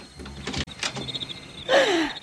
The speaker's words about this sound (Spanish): Vamos, déjenme abrir la puerta.